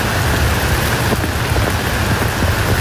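Heavy rain pours down in Ottawa, Canada, during its wettest month on record, in a dense, steady, loud hiss with a deep low rumble underneath like thunder. No voices.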